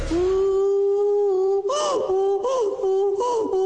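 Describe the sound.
A person imitates a donkey's bray: a long, steady moaning note, then three rhythmic, breathy hee-haw bursts, loud and with no other voices.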